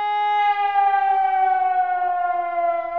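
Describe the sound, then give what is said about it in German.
A civil defense warning siren sounds alone during a test of warning systems, a loud steady wail with rich harmonics whose pitch sags slightly as it holds for three seconds. No voices are heard. “So klingt zum Beispiel das Warnsignal, das auch viele noch aus früheren Zeiten kennen.”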